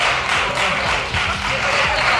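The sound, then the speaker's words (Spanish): Steady, dense, ironic applause from the left-wing benches of a parliament, a continuous crackle of clapping that stays fairly loud and even throughout, with faint murmuring underneath. “Aplausos irònicos de la bancada de la izquierda ante el enfado de …, que hablaba de mala educación.”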